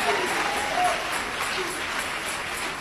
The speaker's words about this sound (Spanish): Dale ese aplauso de alabanza a Jesús de Nazaret.